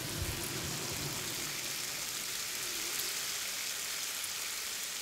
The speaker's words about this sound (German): It sounds like rain. Klingt wie Regen. Wie Regen, der auf ein Hausdach fällt.